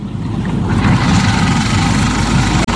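A car engine idles, a steady, loud low rumble that runs unbroken for the whole stretch with no voices, cutting out for an instant near the end.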